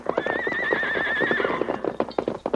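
A saddled, riderless army horse whinnies loudly with a long, wavering neigh, followed by a few hoof clops and snorting sounds as it moves about.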